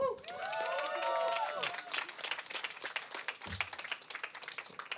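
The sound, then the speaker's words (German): A crowd breaks into dense, steady applause lasting several seconds, with a few voices whooping and cheering over the clapping at the start before it settles into continuous clapping. “Daher nochmal Applaus, bitte.”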